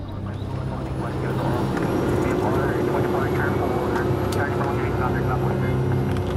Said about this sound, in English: An hour after takeoff, our small Cessna plane approaches Scarborough Shoal, a triangle-shaped chain of reefs and rocks around a sheltered lagoon.